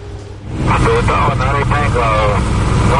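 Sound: military aircraft engine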